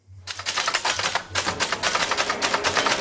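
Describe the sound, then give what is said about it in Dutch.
Rapid mechanical typewriter keystrokes clatter continuously, a dense, fast rhythm of sharp clicks with a low hum underneath and no voices; typewriters set out at the Biep in Zwolle during the World Cup for frustrated Oranje fans to write their stories after the match. “Ja, want daar staan tijdens dit WK allemaal typemachines klaar voor gefrustreerde Oranje-fans.”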